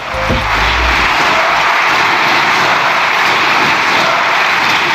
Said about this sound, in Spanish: Había gritos de dimisión y una bancada socialista que estaba aplaudiendo como un solo diputado a Pedro Sánchez, que fue quien alentó el aplauso